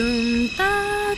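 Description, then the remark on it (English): A single voice imitates the New York subway departure chime heard on the platform as a train is about to leave the station, singing three sustained pure high tones that step upward in pitch, clear, with no other sounds around it. “And you hear these three pure high tones.”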